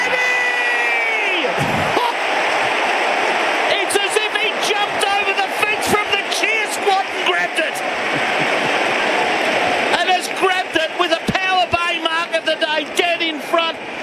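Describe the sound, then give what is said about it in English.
A large stadium crowd of Melbourne Demons football supporters roars loudly and continuously after a goal against the Dockers, with cheering and shouting sustained throughout and bursts of sharp whistles or claps rising over the din in the second half. “Hear the Demon supporters roar.”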